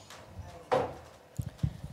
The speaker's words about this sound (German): Atmen, dann das Aufschlagen einer Bettdecke, Schritte, barfüßig durch die Wohnung laufend.